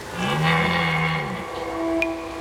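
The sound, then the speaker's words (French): A red deer stag bellows once in the rut, a deep, hoarse, drawn-out roar of about a second, followed by quieter steady background tones and a brief sharp click. “Pendant la saison des amours, les brames du cerf retentissent dans toute la forêt. C'est un cri très particulier, un son rauque.”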